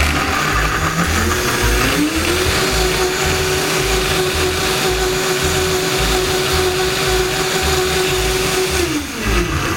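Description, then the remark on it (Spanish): A blender motor whirs up to a loud, steady high-pitched whine, churning a red sauce with oregano and grated garlic into a smooth liquid for several seconds before winding back down near the end. No voices are heard. “Entonces, encendemos la licuadora.”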